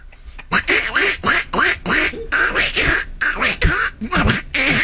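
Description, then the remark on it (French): A person imitates a duck, letting out a rapid series of nasal, raspy quacks in an uneven rhythm, loud, with no other talking. “Ça m'a inspiré faire le canard.”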